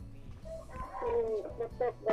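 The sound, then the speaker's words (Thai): Ducks and chickens call in the background, a few short squawking, clucking cries bunched near the end, rising over a low, steady rumble. “บ่จักเสียงเป็ดเสียงไก่นะสาวเนาะ”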